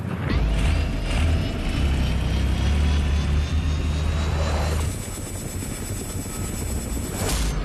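A helicopter in flight drones steadily, with a deep rotor thrum underneath and a high whining turbine tone above; the low rumble eases slightly partway through while the whine continues.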